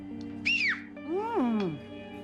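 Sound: person whistling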